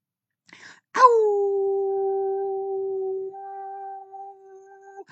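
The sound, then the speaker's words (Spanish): A person imitates a howl: one loud, long, steady vocal tone held for about four seconds, with a brief breathy sound just before it starts. “Sí, a donde quiera que esté, pues yo le envío un gran aullido.”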